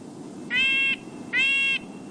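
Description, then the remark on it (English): Two nasal, tinny calls from a red-breasted nuthatch, each about half a second long with a short gap between, clear over a low steady background rumble. “The word nasal comes to mind when describing the call of a red-breasted nuthatch.”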